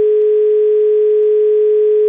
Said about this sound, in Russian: Звонок у нас, гудок есть, а вот...